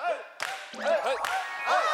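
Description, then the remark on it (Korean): The last team in a contest starts its turn by clapping: a few sharp, separate hand claps spaced unevenly, each a crisp burst, with voices talking and exclaiming over them throughout. “자, 일단 박수치기부터 시작합니다.”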